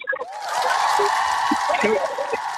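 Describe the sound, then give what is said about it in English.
A loud crowd cheers and roars steadily, many voices blending into a dense, sustained wall of sound that swells after a brief start and holds for a couple of seconds. “The crowd's gone wild.”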